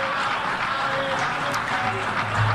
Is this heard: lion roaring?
no